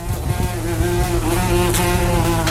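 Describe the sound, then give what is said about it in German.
A wasp buzzes loudly and steadily, its droning hum wavering slightly in pitch as it flies around, with no voices present. “Wespe, die einem nervös um den Kopf und um die Dauer fliegen.”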